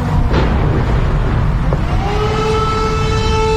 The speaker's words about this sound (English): The haunting sound of the air raid sirens wail across Kyiv.